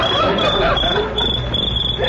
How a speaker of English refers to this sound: Just a little cricket. It's some noise they get by rubbing their legs together.